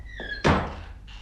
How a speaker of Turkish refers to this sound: Kapıyı kapa önce.